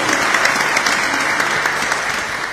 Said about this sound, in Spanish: Brindemos un aplauso a los papás que están presentes. Y gracias por todo.